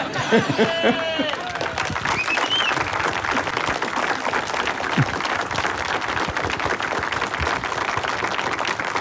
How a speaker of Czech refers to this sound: Na radu Zdeňka Svěráka čekám na potlesk, aby dozněl. Ten teď patřil Miloni Čepelkovi.